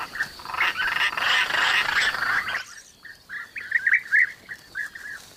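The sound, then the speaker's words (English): A dense chorus of calls from a busy bee-eater and roller nesting colony in a mud bank fills the first half, then a single bird gives a string of quick, rolling, trilling calls in bursts. “A mud bank is like high-rise flats for bee eaters and rollers.”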